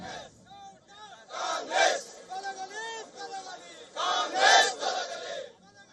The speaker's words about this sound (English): In Mandya, hundreds of protest near the KRS dam against the government.